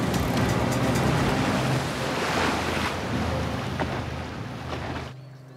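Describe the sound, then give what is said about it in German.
A boat engine drones steadily over rushing water and wind noise, loud, before cutting off abruptly near the end. “Schalten Sie sofort den Motor aus!”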